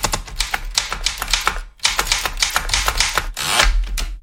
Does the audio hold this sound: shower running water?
no